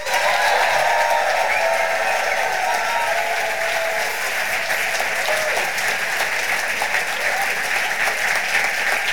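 A poetry slam audience in Erlangen applauds loudly and steadily for a poet about to take the stage, a dense wash of clapping that holds at full strength for about nine seconds with a few faint cheers mixed in.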